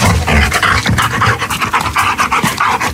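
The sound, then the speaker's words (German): A dog pants rapidly and breathily in quick, uneven bursts, a huffing, laugh-like play pant made while playing, heard for a few seconds with no talking. “Wenn die Vierbeiner spielen, stoßen sie oft ein spezielles Hechelgeräusch aus.”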